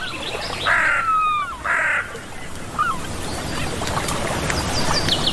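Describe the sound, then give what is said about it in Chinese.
Seagulls give two harsh, squawking calls in quick succession, then a few shorter, higher cries over a steady hiss of outdoor background noise. “海鸥是捕食者，却并非总能占上风。”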